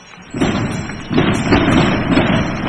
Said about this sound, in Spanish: Impresionante salva de cohetes que hemos escuchado desde todo el área metropolitana de Granada.